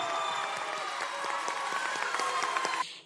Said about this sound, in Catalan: En primer lloc, voldria que tornéssim a aplaudir tots, sisplau, per les pubilles i els hereus d'aquest any.